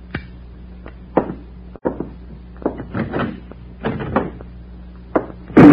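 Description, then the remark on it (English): A door is knocked and kicked with a series of scattered wooden thuds and scrapes, ending in a louder, sharp bang as it is kicked shut. “Back inside. Kick that door closed.”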